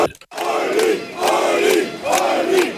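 A large crowd of supporters cheers and chants for Ulrich Siegmund, AfD lead candidate, at a final campaign rally for the Saxony-Anhalt state election in Magdeburg, voices swelling in three loud, rhythmic surges with a steady roar of noise in between.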